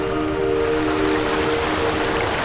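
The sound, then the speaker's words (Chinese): Water in Xiangxi, China, flows gently and steadily with a soft, continuous wash, even in level throughout, with a faint low hum running beneath it. “而湘西的水，你觉得它就在此时此地此刻。”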